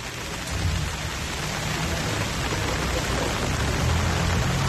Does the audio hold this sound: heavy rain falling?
yes